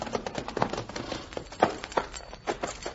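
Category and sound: animal, horse hooves clip-clopping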